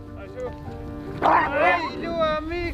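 A pack of sled dogs in Greenland bark and yip excitedly, their high, whining yelps overlapping in a loud, continuous chorus that swells sharply partway through.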